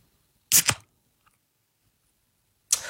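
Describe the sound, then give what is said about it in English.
A beer can is cracked open into a microphone with a sharp two-part crack and hiss, followed by near silence, then a bright, high-pitched fizz rises again at the end. No one speaks. “As I crack a can into the microphone here, you tell me if it is beer or soft drink.”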